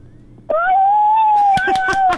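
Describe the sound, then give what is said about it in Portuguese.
A child's voice imitates a wolf howl, a sustained steady wavering tone held loud for nearly two seconds, with brief breathy bursts toward the end. “Como é que faz o lobo?”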